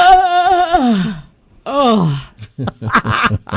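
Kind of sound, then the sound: human body sound, yawn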